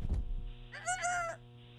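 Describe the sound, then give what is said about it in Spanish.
A person imitates a rooster's crow: one short, strained, warbling call rising and falling in pitch, fairly loud, over a low steady background hum. “Esos gallos.”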